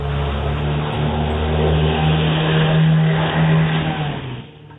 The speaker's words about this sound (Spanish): Esa lancha estaba inclinada en el agua, con la hélice rozando el fondo. La CanalCam muestra lo que sucedió a continuación bajo el agua.